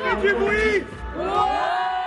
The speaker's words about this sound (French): 14h à Orcières, les enfants du centre de vacances, la couronne de l'ours, déchaînée en attendant la course.